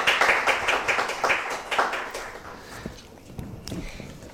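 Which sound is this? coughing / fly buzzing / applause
applause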